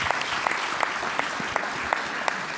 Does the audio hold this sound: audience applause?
yes